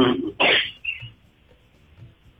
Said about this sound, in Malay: Tidak, batuk kan?